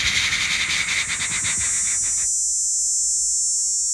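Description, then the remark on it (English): A person imitates a superb dog day cicada's song: a loud, raspy, pulsing buzz that abruptly thins into a steady, high, hissing whine. No one talks over it. “I know the superb dog day. You want me to make that one? It goes...”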